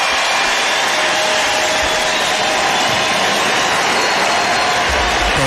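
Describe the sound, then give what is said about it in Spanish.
A baseball stadium crowd cheers as Eliezer Alfonso comes out to bat, a steady, dense roar, a loud continuous wash of voices and clapping that holds at the same level throughout with no single voice standing out. “Y escuchen al público.”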